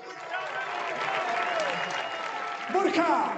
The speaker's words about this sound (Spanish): Así que un aplauso, por favor, para todos, que son los putos amos.